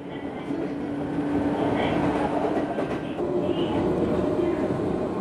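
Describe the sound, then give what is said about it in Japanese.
A Jōmō Electric Railway train rolls steadily westward along the rails past fields and houses lit orange by the setting sun, a continuous low rumble with faint rattling and occasional higher wheel tones, moderately loud throughout with no one speaking. “列車は夕日に照らされオレンジに染まった畑や家々を見ながら、いくつもの駅を過ぎゆっくりと西へ走ります。”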